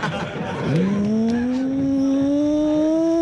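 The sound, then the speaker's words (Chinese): A car engine with heavy carbon buildup revs sluggishly as the throttle is pressed to the floor, its drone climbing steadily in pitch and then holding a strained, sustained whine over a rough, noisy background. “就是有的车它积碳重了以后啊，那真是油门啊你一脚踩到底，它就像一个没睡醒的老车一样， 就嗡， 你就是咚一踩油门，它 啊。”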